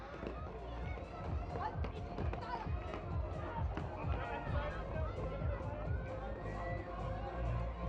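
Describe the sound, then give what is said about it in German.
A mass of runners sets off, their footsteps pattering densely and steadily amid a busy crowd murmur. No distinct pistol crack stands out; the scene stays a continuous, fairly loud bustle. “Gerne Schuss wird auch übernommen von unserem stärksten, ältesten Läufer.”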